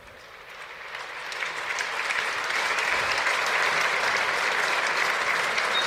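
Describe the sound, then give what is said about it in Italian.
A large stadium crowd at Stadio Zini breaks into applause ending a minute of silence in memory of Alex Zanardi, the dense clapping swelling over the first seconds and then holding at a steady, loud roar with no one speaking. “L'applauso dello Stadio Zini va a decretare il termine di questo minuto di silenzio, un minuto di raccoglimento per onorare la memoria di una persona che è stata tante cose nella sua vita.”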